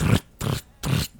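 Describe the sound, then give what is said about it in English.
A voice mimics the thump of boots with three short, breathy bursts in a steady rhythm, each a gritty low hum topped with hissing noise, separated by brief silences. “who told me he actually could do the sound of boots”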